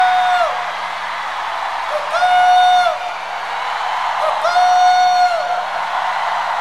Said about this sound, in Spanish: ¿Quieren otra? Lo que pasa es, tienen que gritar más fuerte, hombre, más aplausos.